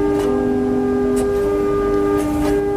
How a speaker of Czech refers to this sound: Vladimír Přibyl právě zapískal na jednu opravdu pohmožděnou píšťalu.